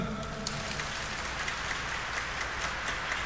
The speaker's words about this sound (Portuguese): Vamos dar uma salva de palmas para quem está lá em casa.